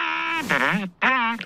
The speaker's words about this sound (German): Der Elefant hat dich geweckt. Jetzt wird es ja noch lauter.